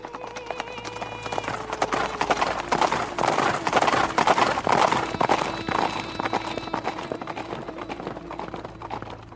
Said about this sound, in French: Il attacha la dépouille à l'arrière de son char et lança ses chevaux au galop.